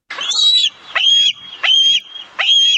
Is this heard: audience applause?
no